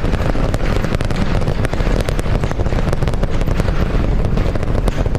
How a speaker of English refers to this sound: Alright, we are T-plus 30 seconds into flight, seeing 33 out of 33 Raptor 3 engines on Booster V3 ascending over the Gulf now, coming up on maximum aerodynamic pressure.